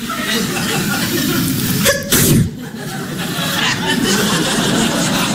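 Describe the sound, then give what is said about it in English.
A loud, sharp sneeze bursts out once near the middle, preceded by a quick catch of breath, against a steady murmur of background noise. “They can't stop sneezing.”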